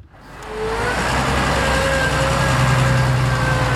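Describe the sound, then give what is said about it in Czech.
A heavy tractor engine pulling a potato harvester rumbles in quickly as it arrives at a field near Hradištko in the Nymburk district, then settles into a loud, steady drone with a faint whining tone on top, with no voices. “Na pole u Hradištka na Nymbursku přijíždí traktor se sklízecím kombajnem.”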